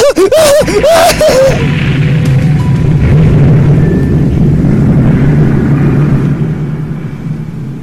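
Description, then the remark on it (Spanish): Wavering, whistling swoops give way to a massive explosion of the atomic bomb dropped by the United States on Hiroshima on 6 August 1945, a loud roaring blast that settles into a long, deep rumble before slowly fading out. No voices are heard. “Hiroshima es arrasada por el estallido de una bomba atómica lanzada por los Estados Unidos.”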